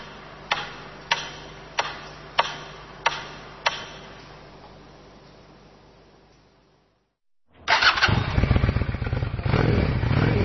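Six evenly spaced metronome ticks fade into a short silence, then the engine of a brand-new, pewter gray Honda Shadow cruiser motorcycle roars loud, a throbbing, rumbling idle with quick revving pulses.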